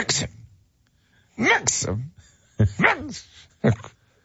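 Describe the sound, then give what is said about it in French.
A voice imitates the snoring of someone on a massage table during a couples massage: about four rough, throaty bursts separated by short pauses, some drawn out and rising and falling in pitch, fairly loud and without other talk. “Tu ronfles!”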